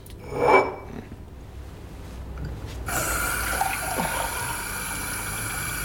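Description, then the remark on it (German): A tap gushes on with a rising splash, then water keeps streaming steadily into a glass, filling a glass of water in a restaurant, a continuous hiss-and-trickle lasting several seconds with no talking. “Aber ein Glas Wasser werden Sie doch haben.”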